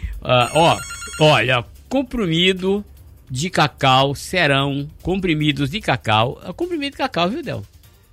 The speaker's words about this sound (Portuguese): Telefone tocou,